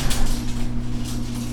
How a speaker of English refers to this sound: Okay, open the garage door.